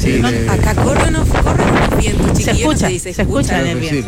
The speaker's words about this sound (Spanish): Sí, acá corren los vientos, chiquillos. Se escucha bien. Pero más testimonial no puede ser el despacho.